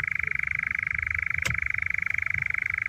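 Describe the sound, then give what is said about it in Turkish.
A European nightjar's churring call: a steady, rapid, mechanical trill held at one pitch without a break, loud and continuous, with a soft low rumble beneath and a single brief click midway. “Umarım hem sesleriyle hem de böyle aniden karşılarına çıkan bu ilginç kuş neydi sorusuyla çoban aldatanla tanışma fırsatı bulurlar.”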